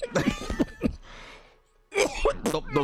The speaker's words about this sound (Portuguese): Sua tosse está menos carregada, né?